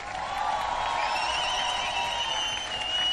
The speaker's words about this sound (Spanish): ¡Lujo! ¡Aplauso fuerte!